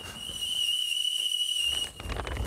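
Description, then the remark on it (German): A steam kettle whistles with a steady, shrill high tone and faint overtones, holding for about two seconds before cutting off into a soft hiss and low rumble. “Oh, ich höre den Teekessel schon pfeifen.”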